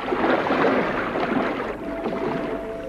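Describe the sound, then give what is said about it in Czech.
Steady sea waves washing and splashing, a dense continuous rush of water that holds fairly loud throughout with no voices. “Neboj se, vstup do vln a chyť se mých ploutví.”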